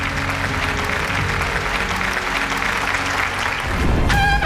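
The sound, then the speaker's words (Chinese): An audience applauds steadily for the production's cast and crew and for forebears and martyrs, a dense wash of many hands clapping at an even, fairly loud level throughout, with a brief tonal musical sting entering near the end. “让我们把掌声送给我们的剧组，送给我们的先辈和先烈，谢谢你们，向你们致敬，谢谢。”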